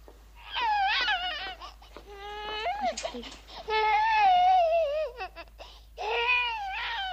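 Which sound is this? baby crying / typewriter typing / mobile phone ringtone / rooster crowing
baby crying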